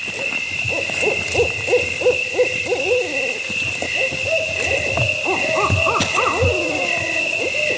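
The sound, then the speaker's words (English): Two barred owls, a male and a female, hoot back and forth in an excited duet, overlapping rhythmic calls building into a raucous cackling exchange, loud, with a steady high insect drone behind them. “Two barred owls, a male and a female, were duetting.”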